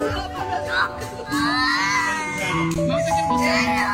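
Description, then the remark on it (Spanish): Several children scream and wail in fright on seeing a worm shown on a screen, told it is in their belly from eating sweets; their high, wavering cries rise and overlap continuously at a loud level, with a few sobbing, whimpering sounds mixed in. “Escucha los gritos que pegan estos niños cuando ven ese gusano en la pantalla, se creen que lo tienen adentro.”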